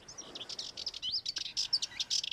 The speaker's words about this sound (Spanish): Y entre los jardines que rodean las villas históricas resulta frecuente escuchar a la curruca cabecinegra. Nombre científico, curruca melanocéfala. Es una pequeña ave mediterránea de cabeza oscura y ojos rojizos que se mueve siempre inquieta